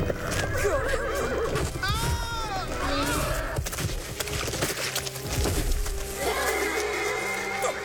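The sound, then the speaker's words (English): A horse whinnies loudly, its rising-falling neigh cutting through a busy, noisy scene with clattering hooves and background voices, as it is ridden at pace toward a jump. “And was the best horse in my stable.”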